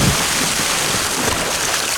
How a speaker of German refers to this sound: Das seid ihr, wie ihr kopfüber ins Wasser fallt beim Wasserskifahren.